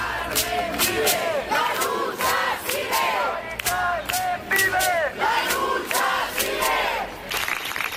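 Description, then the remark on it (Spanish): A large crowd claps steadily while many voices shout and cheer together, a loud, dense burst of general applause and collective yelling ending a silence held at a tenants' union gathering, carrying on through the whole stretch. “De silencio que ha terminado con un aplauso general mientras la portavoz del sindicato de inquilinas”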